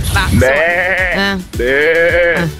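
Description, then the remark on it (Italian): A person imitates a sheep, giving two loud, wavering bleats in quick succession, each with a shaky vibrato. “Urca, vi ho chiesto così se sapete imitare il suono di qualche animale.”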